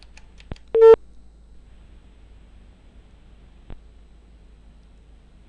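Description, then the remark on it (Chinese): An outgoing phone call gives one short ring tone amid faint clicks and line hiss, then goes mostly quiet before another click near the end; the line shows as busy. “响一声，显示正在通话中，不太对啊！”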